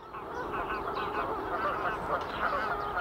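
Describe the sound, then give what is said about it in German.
Many geese on a lake honk continuously in a dense, overlapping chorus, a steady wall of nasal calls. “Immer mehr Gänse.”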